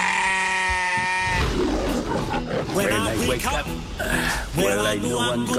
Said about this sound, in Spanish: Mi único secreto para ser feliz en la vida es cuidar de las criaturas más buenas que hay en el mundo. Las ovejas. Os presento a mi rebaño.